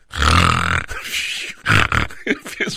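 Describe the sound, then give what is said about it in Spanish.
A man imitates snoring with his voice, as if he had fallen asleep from tiredness: a long, rough, rattling snore, a softer drawn-out breath, then a louder snorting burst and a few short choppy snorts trailing off. “No es que yo ronque, nomás quiero hacer el ruido como que yo ronco.”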